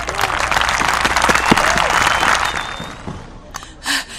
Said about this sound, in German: Also, einen kräftigen Applaus für unseren König.